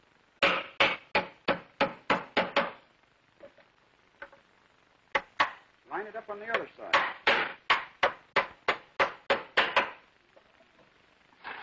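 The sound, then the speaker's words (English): A hammer drives nails into a wooden furniture leg, fixing it flush against the top with three nails on each side, in two quick runs of sharp, evenly spaced blows, with a brief pause and a few words spoken between the runs. “And we can well put in another nail. 3 on each side.”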